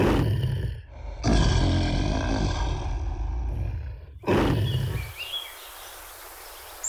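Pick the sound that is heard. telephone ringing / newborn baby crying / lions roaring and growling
lions roaring and growling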